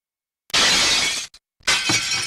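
Loud crashes of glass panes being smashed: two bursts of shattering with a brief gap between, each a bright, noisy spray of breaking glass tinkling as it falls.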